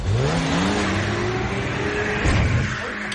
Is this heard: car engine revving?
yes